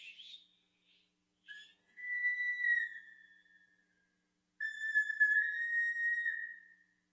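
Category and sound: human body sound, human whistling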